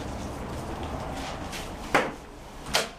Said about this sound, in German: öffnet die Tür des Goethe-Instituts in Lissabon und läuft ein paar Treppenstufen hinunter.